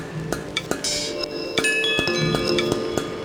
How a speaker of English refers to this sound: I love these chimes, they're so nice.